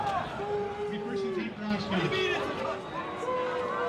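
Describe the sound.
A large home football crowd at River Falls jeers and boos after a review upholds a touchback ruling in a game against Oshkosh. It forms a dense, sustained wall of overlapping voices rising and falling at a steady, loud level for several seconds.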